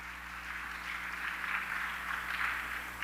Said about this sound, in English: Let's give our judge a round of applause.